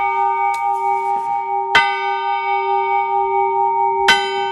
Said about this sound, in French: La nouvelle cloche fondue ce week-end à Estelle pour le clocher de l'église prieuriale. Vous qui avez l'oreille musicale, vous avez retenu que c'est une note en sol. Elle a été fondue vendredi soir, démoulée samedi,